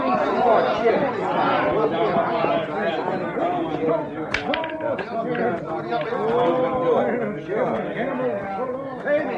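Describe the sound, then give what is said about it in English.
Dense crowd chatter in a gambling saloon with a bar fills the whole stretch, many overlapping voices murmuring and talking at once at a steady, fairly loud level, with no single speaker standing out. “Some crowd, huh?”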